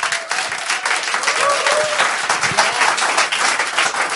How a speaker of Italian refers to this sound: Siamo in diretta su Radio Popolare dall'Auditorium Demetro Stratos. C'è della gente davanti a me, per cui fate subito un applauso così lo sentono.